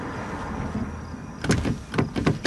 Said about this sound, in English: Oh, …, the door's stuck. Oh, sorry. There we go. Thanks. Oh, it's still, yeah. Sorry. There it is. It's a little finicky.